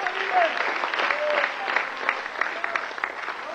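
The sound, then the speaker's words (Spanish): An audience claps steadily and densely in applause to the Lord, a sustained wash of applause with a few brief voices calling out over it. “Dele fuerte ese aplauso entonces al Señor.”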